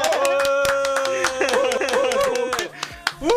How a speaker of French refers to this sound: Eh ben, moi, j'ai envie d'applaudir.